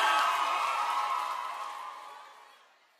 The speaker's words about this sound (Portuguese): Uma salva de palmas